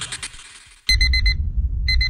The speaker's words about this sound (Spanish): Tu despertador ahora tiene otro sonido. Otro sonido. El de los himnos del reggaetón.